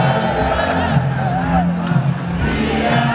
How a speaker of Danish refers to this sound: Et sydende, boblende menneske har skyllet i nat gennem det indre København efter 2-0-sejren over Tyskland i EM.